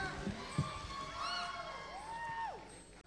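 A crowd cheers and whoops, with rising and falling high-pitched shouts over a steady wash of clapping and crowd noise that holds for about three seconds before cutting off.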